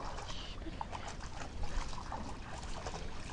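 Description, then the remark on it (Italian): Steady river water flows and gurgles, with small splashy, lapping sounds of dogs drinking in the middle of the river scattered through a continuous wash of noise. No one speaks. “E si inia a bere proprio al centro di fiume.”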